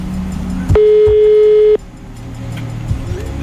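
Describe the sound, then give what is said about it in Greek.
A single steady electronic ringback tone of a phone call to a prize-draw winner lasts about one second, loud and clear against a low background hum, followed by quiet with no answer. “Δεν απαντάει.”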